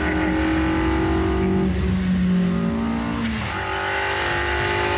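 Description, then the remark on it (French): A car engine drones steadily and loudly on a racing circuit, its pitch rising and falling through gear changes as it revs while driving, the car pulling to the left, with no voices over it. “Regarde comment elle tire à gauche.”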